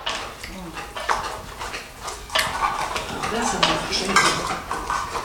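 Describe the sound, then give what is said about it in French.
A saucepan, pans and dishes clatter and scrape, with repeated metallic clinks and knocks throughout, while voices murmur underneath. “elle était dans ce casserole-là, tiens.”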